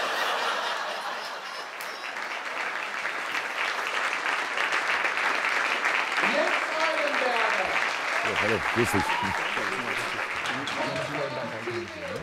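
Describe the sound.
Steady, dense audience applause fills the whole stretch, a broad wash of clapping with scattered laughter, joined midway by voices talking over it.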